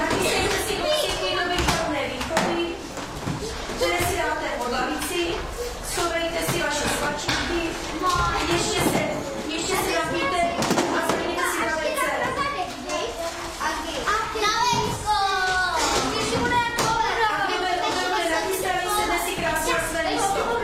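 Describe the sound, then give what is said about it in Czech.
A chaotic din of many children's voices shouting and chattering all at once in a school classroom, steady and loud throughout, with occasional knocks and thuds cutting through the clamor. “Žádný zpěv ptáků, žádná hudba z rádia, pouze chaotický hluk a z předešlých dnů ochraptělá paní učitelka.”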